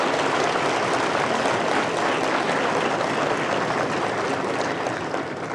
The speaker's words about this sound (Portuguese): Também peço uma salva de palmas para esses ex-diretores aqui presentes.